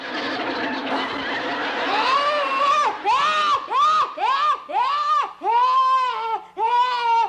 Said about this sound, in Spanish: Ni creas que me vas a impresionar esta vez con tus chillidos.